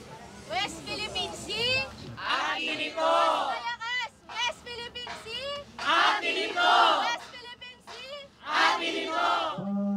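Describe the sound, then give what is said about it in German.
A crowd chants the protest slogan "Aten Ito" ("it belongs to us"), the sign of a Philippine organization, meaning the islands in the South China Sea. The chant comes in loud, rhythmic bursts of massed voices, each phrase rising and falling before the next call starts, with shouting filling the gaps between chants. “Aten Ito bedeutet, es gehört uns.”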